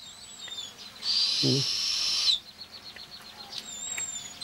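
A young eagle owl lets out one drawn-out, raspy hissing call lasting just over a second, fairly loud, with faint thin bird whistles in the background before and after.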